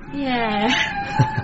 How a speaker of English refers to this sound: Oh, well. At least my sound system's still working. Yeah, what is that? Whales mating. Oh, right. Whale song calms me down. I'd be a wreck otherwise.